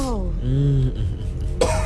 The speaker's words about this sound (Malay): Dah batuk.